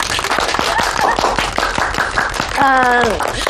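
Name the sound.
group clapping hands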